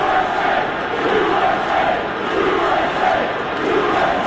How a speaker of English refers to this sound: Thousands of fans chanting USA.